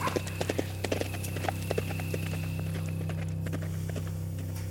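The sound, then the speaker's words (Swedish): The hooves of the horse Skorpan clip-clop in a steady walking rhythm as it is ridden home, sharp repeated knocks over a constant low hum, fading a little toward the end. “Kom nu, Skorpan, så rider vi hem.”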